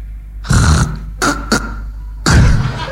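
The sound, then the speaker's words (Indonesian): A man's voice imitates the choking snore of a strangled, dying person: a harsh, rasping snort, two short gurgling catches, then another long throaty rattle, all loud and alone with no talk. “Orang ngorok kecekek.”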